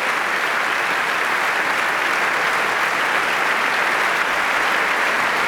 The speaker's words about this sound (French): Alors, sous les applaudissements généreux du public